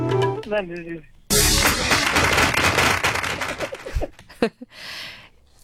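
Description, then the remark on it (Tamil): A voice speaks briefly, then a loud burst of dense applause, given to a caller for answering a question correctly, erupts for about three seconds before thinning into a few scattered claps, with one short final flurry. “So ஒரு வழியா எப்படியோ புக் எல்லாம் ரெஃபர் பண்ணி ஆன்சர் சொல்லிட்டீங்க கரெக்டா, அதனால உங்களுக்காக ஒரு கைத்தட்டு.”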